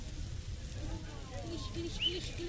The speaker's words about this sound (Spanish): ¿Se escucha un poquito? Qué sonido más hermoso, no debe haber sonido más hermoso. El crepitar de las brasas. Ya están los tres bifes de chorizo en la parrilla.